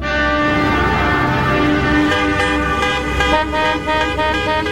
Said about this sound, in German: Die Hupe ist schon ein dolles Ding. Sie ist Lebensretterin auf der Straße, möbelt schwache Egos auf, die endlich mal wahrgenommen werden wollen. Sie tötet Nerven bei Fußball-Weltmeisterschaften oder kündigt schlicht und bescheiden den Bäckerwagen an.